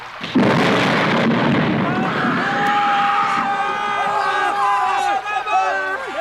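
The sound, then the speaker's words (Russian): A sudden crash of thunder gives way to a steady roar of heavy rain with large drops falling, while several voices cry out in rising and falling wails over the downpour. “Потом загрохотал гром. Скоро на землю начали падать крупные капли дождя.”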